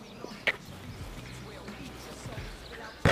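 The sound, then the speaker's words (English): A basketball bounces on pavement a few times during a game of HORSE, with sharp, irregularly spaced smacks and a loud final bounce over a low background murmur. “Want a game of horse? All right. You first.”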